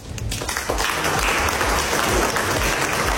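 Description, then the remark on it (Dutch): Sustained applause from a crowd, a dense, steady wash of many hands clapping at constant loudness for a few seconds, with no voices standing out; applause, including from Macron, after President Trump signed a temporary agreement during a dinner in Versailles, France. “Daarna was er applaus, onder meer van zijn collega Macron.”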